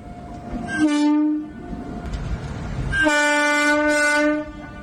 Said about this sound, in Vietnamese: Tiếng còi tàu năm ấy đã đánh dấu một chặng đường xa nhà